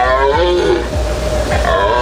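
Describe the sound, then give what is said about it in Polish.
A red deer stag roars in a forest during the rut, a deep, loud, drawn-out bellow with a rough, groaning tone, rising and falling in long heaves, with no talking. “W lasach możemy już teraz usłyszeć ryk jeleni.”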